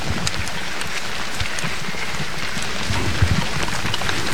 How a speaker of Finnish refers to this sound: Ja sadekin alkoi tässä vielä kiihtyä.